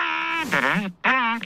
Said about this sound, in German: Ach, der Elefant hat dich geweckt. Jetzt wird es ja noch lauter.